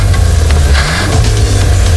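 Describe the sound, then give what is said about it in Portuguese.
A car engine revs loudly, a deep continuous rumble with rough mechanical texture that holds steady for about two seconds, with no voices over it. “Não para de pensar naquele carro que viu na concessionária?”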